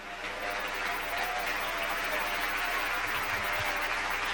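A crowd applauds the King, clapping steadily throughout, a dense, even wash of applause at a constant loud level with no pauses and no voices standing out.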